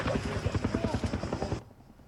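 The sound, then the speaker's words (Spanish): Loud, rapid rotor chopping from two firefighting helicopters, a steady pulsing thump that suddenly cuts off after about a second and a half, leaving only a faint low rumble, as they collide in mid-air while fighting a fire west of Athens, Greece. “Y es el momento en el que chocan en el aire dos helicópteros antiincendios en Grecia y 2 muertos y 2 heridos participaban en la extinción de un fuego al oeste de Atenas.”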